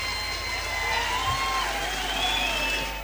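A crowd in Mexico applauds a performer steadily and loudly for about three seconds, a dense wash of clapping with shrill whistles or cheers drifting over it, no talking.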